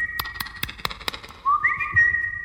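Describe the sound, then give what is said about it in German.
A Eurasian jay in a forest clearing gives a piercing, fluting whistle: a steady high tone, then a second note that slides upward and holds, with sharp clicking taps scattered through the first half. “Und da drang auch wieder dieses penetrante Geflöte an mein Ohr.”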